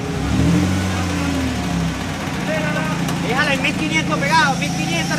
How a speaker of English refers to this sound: They've heard something here. And they rush back to work, trying to remove the metal gate by tying it to a truck.